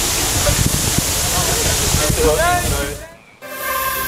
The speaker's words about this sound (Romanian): Canicula a lovit și Germania. În centrul Berlinului, jandarmii au folosit tunurile cu apă să răcorească oamenii.